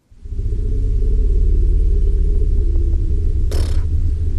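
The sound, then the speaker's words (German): An elephant bull's rumble, recorded in Namibia, with only its high frequencies audible: a deep, steady low-pitched drone that continues for several seconds without pause, with a brief hissy burst of noise near the end. No one speaks. “Ja, aber das ist das Rumblen von einem Elefantenbullen.”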